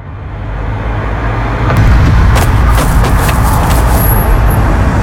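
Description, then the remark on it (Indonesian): Steady roadside traffic rumble with a car engine and a motorbike droning, swelling louder partway through as vehicles pass, with faint higher whines and hiss from the road. “Astaga, ini lagi, motor soba iko-iko.”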